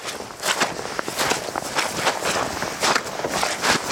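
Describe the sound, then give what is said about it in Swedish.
Footsteps squelching through a wet fen on Stormyran, the heart of a large mire complex, a steady run of soft, splashy, wet treads at a brisk walking pace, fairly loud, with no one talking. “Ja men verkligen, det är ju från klaffset nere på kärret eller myren upp på den här tuvan där det är egentligen knastertort alltså.”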